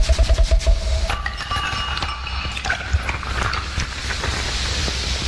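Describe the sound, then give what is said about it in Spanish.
A bottle of sparkling water being opened: a quick run of clicks and plastic crackles, a few light clinks, then a steady soft fizzing hiss. No one speaks. “Vayamos destapando entonces aquello que tanto nos gusta. La agüita, obviamente, ¿no?”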